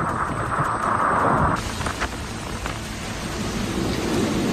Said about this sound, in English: Isaias has now made landfall as a high-end Category 2 storm near Destin, Florida. And this was roughly 9:30 p.m. Eastern time. Absolutely horrendous.